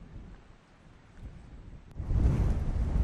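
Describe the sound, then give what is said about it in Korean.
Strong dawn wind roars with a low, blustery rumble, mixed with waves, then surges sharply louder partway through as if a wave crashes in. The noise is broad, with no voices. “오늘따라 새벽바람이 심상치 않은데요. 파도마저 섞는 듯 몰아칩니다.”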